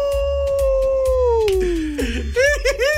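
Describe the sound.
A person imitates a wolf howl live in a radio office: one long, steady tone that slowly slides downward, then breaks into a few short wavering yips, loud over a low background rumble.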